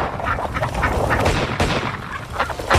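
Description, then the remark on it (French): Rapid video game gunshots crack over a chorus of quacking ducks, dense and continuous, with sharp bursts punctuating the busy flapping and calls throughout, as a player shoots ducks against a 30-second limit in a duck-shooting video game. “D'après vous, combien de canards je peux descendre en 30 secondes?”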